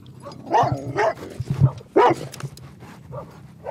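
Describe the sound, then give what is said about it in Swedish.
An aggressive dog barks sharply several times in irregular bursts, loud, with brief whiny yelps between the barks and no talking. “Nu kom en hund. Blev du lite rädd för hunden?”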